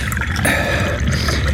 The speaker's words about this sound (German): Gießen Sie unserem Gast doch bitte Tee ein. Oh, natürlich. Sofort.